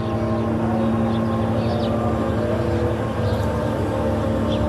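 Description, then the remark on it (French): A small surveillance spy drone, called MK, buzzes steadily overhead amid constant wartime bombardments, a continuous droning hum with layered engine tones that never fades or pauses. No one speaks. “MK, c'est une petite avion d'espionnage. Avec le son zzz, tout le temps.”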